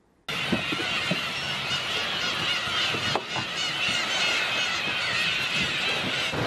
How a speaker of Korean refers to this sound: 우와 어마어마하네. 태어나서 그런 섬 정말 처음 봤어요. 그냥 모든 게 다 하얀색 점처럼 보였어요. 이 괭이갈매기에게 마치 섬이 점령당한 느낌?